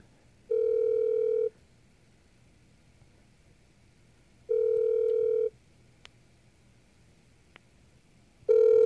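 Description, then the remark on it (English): An outgoing phone call's ringback tone while calling a DOT on DOTS: steady one-second electronic beeps repeating every four seconds, three in a row, clear, with faint background hiss and no talking. “Sometimes it rings for a while.”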